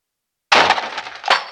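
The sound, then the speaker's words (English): An outer door slams into a poorly positioned potted succulent with a sudden, loud crash, followed by a brief clatter of breaking pottery and a second sharp smash near the end, with no voices. “woken abruptly from the very skin of slumber by the sound of the outer door crashing into poorly positioned succulent.”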